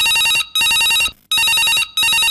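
A loud telephone ring with a bright, buzzy electronic tone, heard in two long bursts separated by short silences, clear with no talking.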